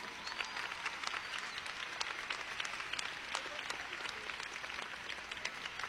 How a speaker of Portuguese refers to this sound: Então, palmas para Jesus.